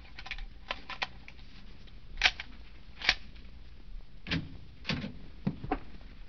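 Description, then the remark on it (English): A room door being opened with a pass key: a scatter of sharp clicks and rattles as the key and latch work, then a few dull thumps as it swings, with no voices. “Open the door.”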